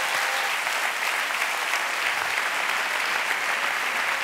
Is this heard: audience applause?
yes